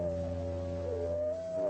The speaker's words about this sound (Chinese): 每匹狼嚎叫的声音都不一样，